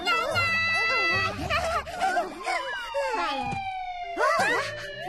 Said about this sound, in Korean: 뭐지? 신고도 안 했는데 벌써 경찰차가 온다고?